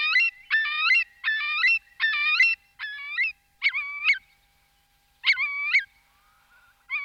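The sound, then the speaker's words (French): A Eurasian curlew, a wader of muddy pond edges, calls in a quick series of loud, clear whistled notes, each call repeated in a steady rhythm, then a short pause before two more calls. No voices. “Le courlis cendré, c'est un limicole, c'est-à-dire un oiseau qui vit dans la vase, sur le bord, au bord des étangs, qui mange des bestioles dans la vase.”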